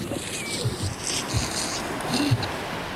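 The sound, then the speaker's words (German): A heavy tarpaulin covering lifeboats on a ship's outer deck rustles and scrapes as it is dragged aside, with a few louder crinkling bursts over a steady background of wind and lapping water. “Über den Booten ist eine Persenning. Wir ziehen sie beiseite.”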